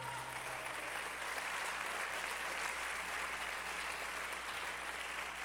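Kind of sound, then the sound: crowd, audience applauding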